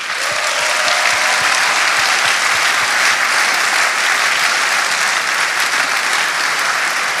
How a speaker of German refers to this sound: Unsere Medienpartner, Bibel TV, KIT TV, EWTN, Radio Maria Österreich, Radio Maria Schweiz, Radio Maria Südtirol, Anbetungs-TV, Radio Horeb und alle, die über Livestream mit uns verbunden sind, ein großer Applaus.